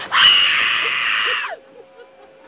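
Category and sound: human body sound, human scream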